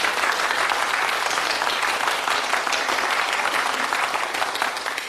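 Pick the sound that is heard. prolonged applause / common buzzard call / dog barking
prolonged applause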